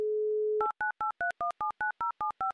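A steady, low telephone dial tone hums for about half a second, then a phone number is dialed in ten quick, evenly spaced touch-tone beeps, each a crisp two-note chirp.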